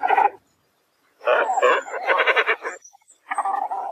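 A great cormorant gives harsh, guttural croaking calls in three rough bursts, a short one, a longer gurgling stretch, then another, loud with no voices.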